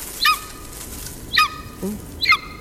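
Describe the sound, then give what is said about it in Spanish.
A golden eagle calls three times, each a short, sharp, downward-slurring yelp spaced about a second apart, fairly clear against a quiet outdoor background with no talking. “Es un águila real.”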